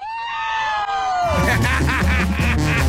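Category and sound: sound effect, scream sound effect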